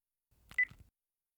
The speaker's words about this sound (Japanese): 3日前の夜、携帯が震えた。